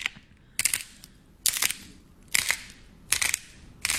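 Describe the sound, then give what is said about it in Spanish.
Five sharp snapping pops at roughly even intervals, each a bright crackling burst with a brief sizzling tail, from small snap-pop balls that children throw down so they crack like sparks. No voices are heard. “Las bolitas esas que los niños avientan y chocan y suenan como chispitas.”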